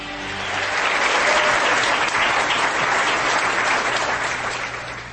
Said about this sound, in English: they got the applause sign working again, so yeah, you don't have to come up. No, I don't have to do it anymore. Yeah, it just flashes. These people do it.